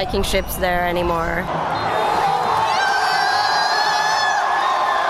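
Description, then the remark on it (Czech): A large crowd of Norwegian fans cheers and shouts in a rowing-style victory celebration after Norway beat Brazil to reach the final eight, loud and continuous, with a few high whooping voices rising at the start before settling into a steady roar. “Tuhle závěrečnou veslovačku si obzvlášť vychutnávají.”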